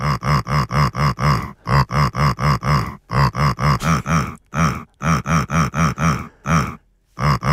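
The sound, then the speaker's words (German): A pig named Lissi grunts a tune: loud, pitched grunts come in quick, even beats, grouped into melodic phrases broken by short pauses, with no talking over them. “Lissi hat für uns gegrunzt”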